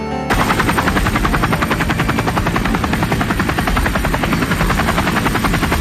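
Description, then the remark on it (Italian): A military helicopter's rotor thumps loudly and steadily in rapid rhythmic chops, a continuous whirring roar that fills the whole stretch with no voices. “Il rotore degli elicotteri della giunta militare aveva cominciato a tagliare l'aria per cercare i 4 evasi nudi e ammanettati.”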